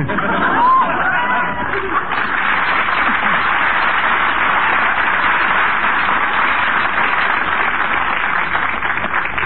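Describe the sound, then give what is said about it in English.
Steady chatter of a shopping crowd in a crowded department store, a dense babble of many overlapping voices with no single speaker standing out, holding at an even level throughout. “You know, in a crowd like this, there are all kinds of dishonest persons.”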